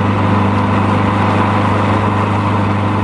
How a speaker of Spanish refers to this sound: El coche guiado por Javier continuó deslizándose rumbo a la ciudad